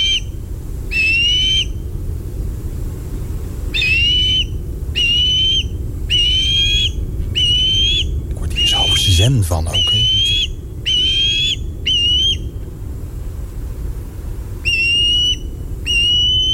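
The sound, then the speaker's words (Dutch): A migratory bird, white underneath and dark brown on top with bent wings, which breeds in Gelderland and is now migrating to Africa, calls again and again with clear, high whistled notes, about a dozen evenly spaced phrases over a steady low rumble, while a voice briefly speaks near the middle. “Ah, die vogels die broeden tegenwoordig ook in Gelderland en trekken momenteel ook weer naar Afrika.”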